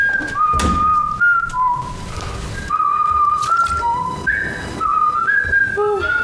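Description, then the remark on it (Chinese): Someone whistles a melodic tune, the notes stepping up and down in clear sustained pitches with short glides, continuing steadily for several seconds over faint background noise. “我这有年头没听你吹口哨了哈。”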